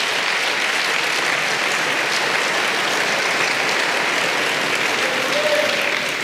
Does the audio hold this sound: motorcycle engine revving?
no